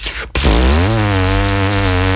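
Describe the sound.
After a short breathy rush, a loud, steady, low buzzing drone rich in overtones holds for about two seconds, a didgeridoo tone buzzed with vibrating lips.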